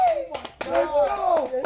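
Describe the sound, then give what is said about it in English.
A few scattered hand claps, sharp and irregular, ring out under loud, excited voices that carry on without pause through the short burst of celebration as people cheer about going to college. “They all clapping.”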